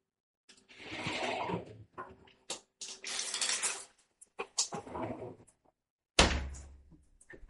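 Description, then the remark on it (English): A shower is turned on: bursts of hissing water spray start and stop amid handle clunks and knocks, ending with a sharp, loud thud followed by fading rushing water. “And that is my shower turning on.”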